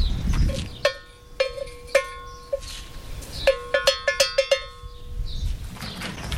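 A small metal doorbell clanks with a bright, ringing tone: a few spaced strikes at first, then a quicker burst of clangs before it fades, with no one talking.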